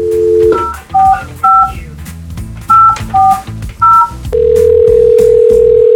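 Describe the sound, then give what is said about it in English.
A phone call dialed on Houston's Eagle radio show: a brief dial tone gives way to a quick string of touch-tone keypad beeps in two bursts, then a long steady tone hums on, all over a low, busy background. “Let's get Jimmy on the line here”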